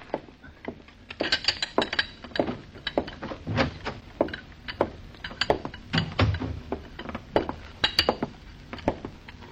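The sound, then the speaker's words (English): Cups and saucers clink and rattle on a tea tray as it is carried in to serve tea to a woman, a steady stream of small porcelain chinks and knocks with light footsteps, no voices. “You carry your tray into her now.”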